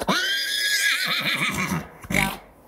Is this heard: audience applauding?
no